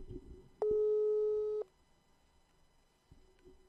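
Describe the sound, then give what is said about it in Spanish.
A telephone line tone sounds during an outgoing call to a member of Paraguay's Partido Colorado: a loud, steady electronic hum lasts about a second, then after a pause a fainter, shorter tone repeats. No one speaks. “Voy a llamarle a Colorado, lógicamente no le voy a llamar a liberales.”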